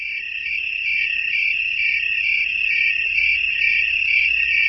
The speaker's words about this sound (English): As you approach any one cricket, that one stops singing and you hear all the others that much more clearly. There is safety in numbers for chorusing crickets. Their single unified voice keeps predators from isolating any individual.